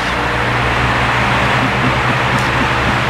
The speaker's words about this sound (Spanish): Un ventilador, ah, bastante fuerte, como que te estás agarrado así. Pero qué fresco que dormís con ese ventilador de chino.